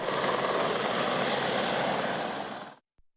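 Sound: helicopter flying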